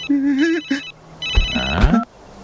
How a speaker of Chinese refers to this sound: 啥声音？ 手机呢？手机呢？在这儿。手机又响了。